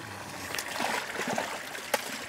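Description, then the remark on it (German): Fresh water from the Kellersee lake at Gut Schwarten in Malente splashes and trickles steadily as it is poured into tubs holding fish, to give them enough oxygen, with a brief sharper splash near the end and faint mumbled sounds underneath. “sorgt mit frischem Wasser aus dem See für ausreichend Sauerstoff.”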